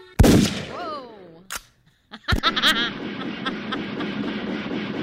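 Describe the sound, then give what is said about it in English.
A sharp gunshot sound effect cracks out after a screeching, wavering screaming-eagle cry, followed by a sustained noisy rumble with ringing tones; another sharp bang opens the sequence. The effects come from a sound-effects machine from Sirius XM. “You have an eagle, a screaming eagle, a gun.”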